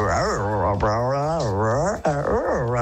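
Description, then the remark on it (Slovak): A person vocally imitates a dog with drawn-out, wavering whines and yelps that glide up and down in pitch, loud, in three sustained phrases with brief breaks between them. “síce neviem napodobniť nejaké zvieratá, možno že mačku a psa, ale pilota viem napodobniť perfektne.”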